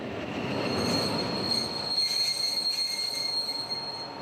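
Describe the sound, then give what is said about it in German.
A train rolls slowly while shunting to get in front of the train, its wheels squealing steadily against the rails, a sustained high-pitched screech over a low rumbling of wagons, fairly loud, with no talking. “Jetzt rangiert Roland noch mal um.”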